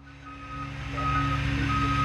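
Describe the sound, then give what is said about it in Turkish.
A crane truck arriving to lift heavy 6- and 8-metre-long pieces, reversing, its steady high-pitched beeps repeating at even intervals over a low, continuous diesel engine rumble that grows slightly louder. “Vinç'in sesini duyuyorum.”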